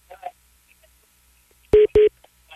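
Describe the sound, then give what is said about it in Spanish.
Two short, loud telephone tones of an incoming call sound back to back near the end, each a brief steady beep, with faint murmuring voice fragments earlier in the quiet stretch before them. “Mira, inclusive, espera, me está marcando, si quieres, junto a la llamada.”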